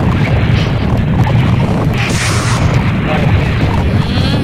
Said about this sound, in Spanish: Esto está sucediendo en la subestación de Chanduy, vía Guayaquil Salinas, en la entrada para Chanduy. A ver. Oh, se ve humo, ¿no? Tremenda explosión que se escuchó ahorita.